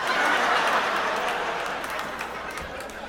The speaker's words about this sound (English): Stop clapping so aggressively.